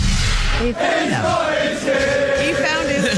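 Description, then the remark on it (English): A large stadium crowd of British soccer fans chants "Whose keys are these?" together in a loud, sustained, sing-song unison, the many voices rising and falling in a melodic phrase that fills the whole space. “These British soccer fans, they started chanting this.”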